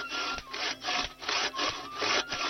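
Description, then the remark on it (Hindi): A hand saw rasps steadily through wood in repeated back-and-forth strokes, about five broad, gritty pulses with brief pauses between them, cutting down trees on a riverbank to build houses. No voices are heard. “नदी के किनारे बहुत सारे हरे भरे पेड़ थे और अब घर बनाने के लिए वहां के पेड़ भी काटे जाने लगे।”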